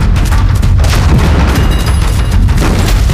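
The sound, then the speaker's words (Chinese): Heavy artillery booms roll continuously, loud and dense, with deep rumbling blasts layered over one another and sharper cracks bursting through at intervals; no voices are heard. The guns are fired by Japanese troops. “好像是鬼子的排气炮声，这鬼子可真够快。”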